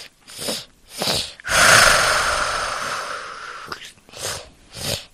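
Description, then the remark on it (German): A video-game ender dragon growl: two short breathy huffs, then a long, loud rasping roar for about two seconds, followed by a few more heavy breathing bursts. No one speaks. “Das klingt wie ein gefährlicher Drache, dem der Zahn tropft. Ist das richtig? Nein, das ist der Enderdrache.”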